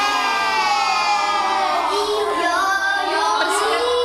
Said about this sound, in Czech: Děti tu ve třídě nesedí v lavicích, ale v kroužku na koberci. Překřikují se, odpovídají na otázky a přitom se dozvídají, jak pečovat o své zdraví.